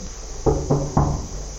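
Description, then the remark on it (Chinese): Three firm knocks in quick succession by traffic police officers on the door of a residence, each with a hollow, resonant thud, over a faint background hiss, with no voices. “上门的时候，这个门当时敲了很久啊，然后他出来很惊讶啊，这个装得很无辜，说自己一晚上就没出去。”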